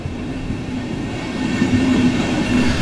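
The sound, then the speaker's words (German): An S1 S-Bahn commuter train rolls steadily along the rails out of Munich north toward Freising, Germany, a continuous rumbling drone with faint rhythmic clatter and a thin tonal hum, with no voices. “Mit der S1 geht's aus München raus in den Norden, in die Domstadt Freising.”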